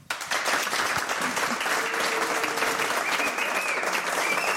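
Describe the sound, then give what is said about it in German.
An audience applauds steadily, a dense crackle of many hands clapping that holds at an even, fairly loud level throughout, with faint voices mixed in. “Das ist ein sehr sympathisches und zugewandtes Publikum und es sieht sehr schön und erwartungsvoll aus und es klingt auch genau so.”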